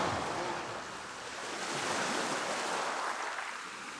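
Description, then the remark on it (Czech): Gentle sea waves wash steadily in a soft, continuous hiss of surf, swelling slightly and easing back, with a light breath of wind and no voices. “A moře je najednou mírné a tiché.”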